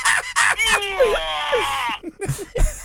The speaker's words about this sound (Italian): Ti ha salutato! È stato un urlo!